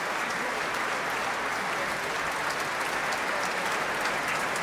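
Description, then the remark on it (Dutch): A large audience fills a concert hall with steady, dense applause, many hands clapping at once in a continuous, even wash of sound with no pauses, after a performance of Ein Deutsches Requiem with soloists, orchestra and choir conducted by Risto Joost; a fan calls a loud bravo. “Ja, dat kan nog even rekenen op een luide bravo van een fan uit de zaal.”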